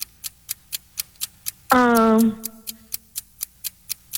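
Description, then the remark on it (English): A quiz-timer clock ticks steadily and quickly, about four ticks per second, clear and crisp, interrupted briefly midway by a loud, sustained buzzer-like tone before the ticking carries on. “Start the clock.”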